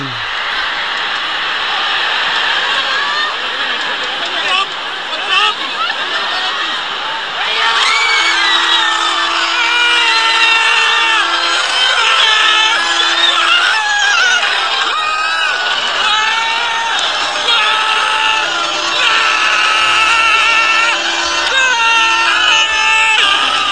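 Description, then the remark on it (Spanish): A Spanish football fan screams wildly in goal celebration, a loud, sustained, wavering yell that rises and falls for over twenty seconds above a roaring crowd backdrop, with horn-like tones joining partway through. “Este hombre grita hasta que se le caiga el postizo.”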